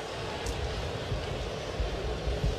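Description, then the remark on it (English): A steady, droning roar of an airplane engine passes overhead, a broad rushing rumble with a deep low throb, moderately loud and continuous throughout, with no voices. “Go ahead and shut the engine off on the plane.”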